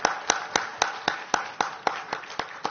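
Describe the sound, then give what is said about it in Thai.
An audience in Thailand applauds loudly to encourage soldiers, a steady wash of many hands with sharp claps landing in an even, quick rhythm, roughly four per second, at moderate loudness with no voices. “ขอเสียงปรบมือดังๆเป็นกำลังใจให้กับทหารนะครับทุกท่านเลยนะครับ”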